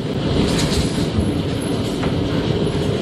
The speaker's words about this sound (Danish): Ja, her er det store mængder hagl, der falder i Karbæks Minde, mens tordenvejret passerede der.